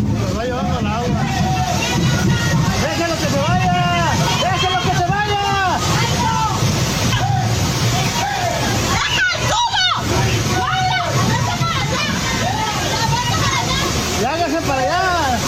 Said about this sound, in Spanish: tras varios minutos de lluvia intensa, el agua comenzó a acumularse rápidamente sobre la vialidad y zonas aledañas, generando corrientes que arrastraron lonas, estructuras metálicas, mesas y parte de la mercancía colocada por los comerciantes.